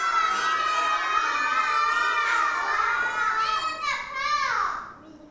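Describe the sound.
A group of young children shout out all at once, their overlapping high voices forming a loud, continuous clamor close by that trails off near the end.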